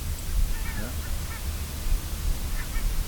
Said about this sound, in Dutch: daar vliegen een koppeltje brandganzen. Ja. En dan zijn ze net even stil.